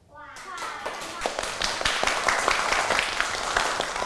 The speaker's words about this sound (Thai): เด็กๆปรบมือยอดเยี่ยมมากๆเลย